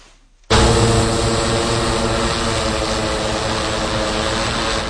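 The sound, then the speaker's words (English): After a brief quiet moment, the propellers of a hospital drone, used by Upstate University Hospital to carry medications, blood and lab specimens, start a loud, steady whirring and hold a constant buzzing hum with a rich layered tone. “Transporting patient medications, pints of blood, or lab work is getting easier for Upstate University Hospital with the use of drones.”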